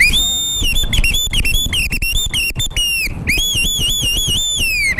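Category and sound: sound effect, whistle sound effect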